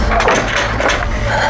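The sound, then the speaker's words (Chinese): A wooden door is pulled open after someone calls to be let in, a brief creak and knock of the latch over a low background rumble, lasting just over a second. “姨娘，是我，快开门啊，姨娘！”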